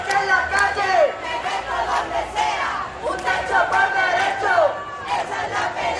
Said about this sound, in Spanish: en una movilización en la que se han escuchado gritos contra el bloque de la derecha, los fondos buitres y en la que se han hecho repetidos llamamientos a la huelga general.